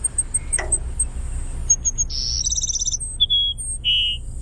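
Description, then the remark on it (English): A Cassin's Sparrow sings a burry, trilling whistle followed by two clear, high sustained notes, crisp against a low rumbling background with faint chirps. “That's the Cassin Sparrow.”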